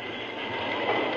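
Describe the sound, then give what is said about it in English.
A train brakes to a stop because logs are piled across the tracks in a cut: a loud, steady rumbling roar with a harsh hiss over it, holding constant for about a second with no voices. “I reckon I'll have to stop. Put on the brakes.”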